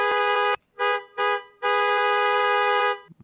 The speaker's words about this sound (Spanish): Pues así, con el claxon.